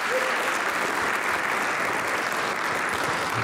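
Sustained audience applause for the band at a live Polish Radio broadcast event, a dense, steady wash of many hands clapping at an even loudness throughout, with no voices standing out.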